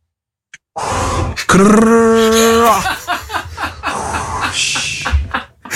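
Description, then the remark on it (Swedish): A voice imitates a squawking seagull: a brief rasp, then a loud, sustained nasal cry that swoops upward and holds, followed by several harsh, breathy squawks trailing off. “Och så kommer en, och kommer en mås och kraxar också.”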